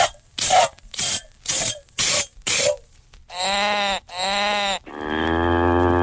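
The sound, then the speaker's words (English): Five quick, evenly spaced squirting bursts of milk as a cow is milked by hand in a hurry, followed by two short cow moos and a longer, louder drawn-out one. “Milk this cow. Hurry, hurry.”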